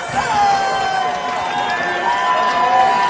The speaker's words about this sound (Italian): La folla lo acclama.